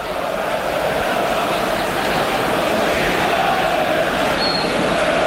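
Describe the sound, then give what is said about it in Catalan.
A steady, dense roar of a large crowd fills the full stadium during a pre-season football match against Barça, a continuous wash of voices and cheering at constant loudness with no pauses. “És que no sé si ho podeu sentir pel micròfon, però l'ambient ara mateix.”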